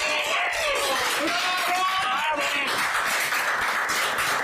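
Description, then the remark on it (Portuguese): An audience applauds steadily throughout, a dense, continuous wash of clapping, with voices and a few cheers rising over it, applauding a presenter of the New Year's Eve bell chimes on Televisión de Galicia. “Este aplauso é para ti por presentar as badaladas de fin de ano.”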